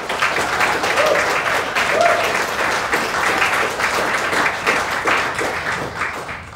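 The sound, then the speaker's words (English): Sustained audience applause, a dense wash of many hands clapping steadily at fairly loud, even volume for several seconds before beginning to thin out. “Please give them all a stirring round of applause.”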